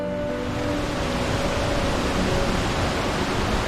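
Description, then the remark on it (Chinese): A steady, dense roar of rushing water from a waterfall in Dehang, Xiangxi, China, fills the whole clip, broad and unbroken, with no voices and no change in loudness. “荀波和卓阳在德夯收集到了两种不同的声音，阿婆的棒槌是日子， 对， 瀑布的水雾是天地”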